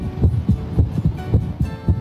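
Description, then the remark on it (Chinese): Muffled, low heartbeat thumps heard through a stethoscope, repeating in a steady, fairly quick rhythm of soft paired beats over a faint background hum, with no voices. “正常的心跳声音是有规律的，我们的心跳频率是每分钟50到100次，如果听到的速度低于50或者高于100，那么就要怀疑存在着心动过缓或者心动过速。”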